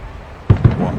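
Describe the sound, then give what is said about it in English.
Two deep, muffled booms in the distance land in quick succession, like fireworks or cannon fire, each followed by a low rumbling tail over quiet background ambience, heard during a Brewers baseball game. “It sounded like fireworks off the distance.”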